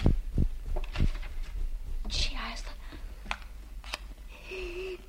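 Rustling and shuffling with scattered clicks and knocks as someone uses keys at a desk, opens the desk drawer and handles papers, irregular and busy over a faint background hum.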